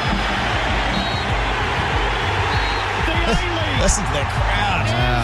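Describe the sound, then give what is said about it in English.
A large crowd of Auckland FC football fans roars and cheers continuously, a dense wash of many overlapping voices holding a steady, loud level with scattered shouts rising above it. “Listen to that crowd. Wow. Electric.”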